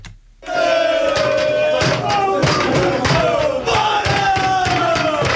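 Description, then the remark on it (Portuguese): A loud crowd of Torriense football supporters roars and chants, celebrating a victory at a supporters' group venue beside the club's stadium, a dense wall of voices with rhythmic shouted bursts and scattered thuds, sustained after a brief quiet start. “A emoção dos adeptos falava muito mais alto.”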